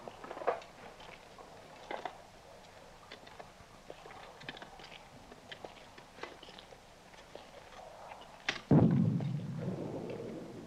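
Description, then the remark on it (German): Faraway artillery fire: scattered soft thumps and crackles, then one heavy boom that rolls into a deep, sustained rumble lasting to the end. No one speaks. “Horch mal. Artillerie. Aber noch sehr weit weg.”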